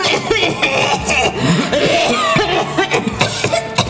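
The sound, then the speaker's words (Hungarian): Several people, the sisters, cough in repeated bursts while everyone toasts and drinks, amid a dense, lively background of crowd noise and faint laughter, the coughs loud throughout. “Mindenki kocint, isznak, a nővérek köhög.”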